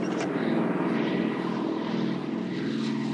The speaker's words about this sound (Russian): Андрей выглядывает из окна кабины и смотрит вверх. Колонну грузовиков атакуют немецкие самолеты.